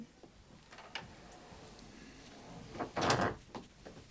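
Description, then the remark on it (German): A door is pushed shut as a visitor comes in, with a few soft creaks and clicks first, then a louder rattling thud of the door meeting its frame. “Kommen Sie rein, machen Sie die Tür zu.”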